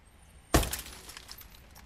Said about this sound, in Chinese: 正当赵所长向司机们了解黑社会敲诈勒索信息的时候，突然听到大门外砰的一声巨响，赵所长的警车玻璃被人砸了。